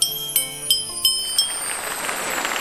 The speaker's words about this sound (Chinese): 然后敲韵锣的这个锤也特别的有特点，就是它的锤头是一个桃核。